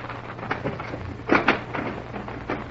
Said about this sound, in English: Ah, here we are. I'll knock. Listen, is anyone coming?